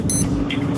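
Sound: alarm clock ringing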